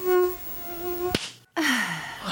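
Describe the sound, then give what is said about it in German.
A mosquito's thin, steady buzzing whine hums for about a second, then a sharp slap-like crack cuts it off, a short silence follows, and a rough noisy burst with a falling tone ends it. “Das ist so wie Zahnarzt, Bohren und die Gelse.”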